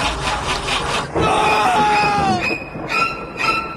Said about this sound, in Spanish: Hay algo más de terror que un auto que no enciende.